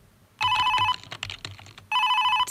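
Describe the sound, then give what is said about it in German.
A telephone rings in two loud bursts of electronic trilling, separated by a short gap with faint clicking or tapping sounds. “Telefon, oh, nö, ich will da jetzt nicht rangehen. Ich will einfach nur meine Ruhe haben. Ich lasse es jetzt einfach klingeln.”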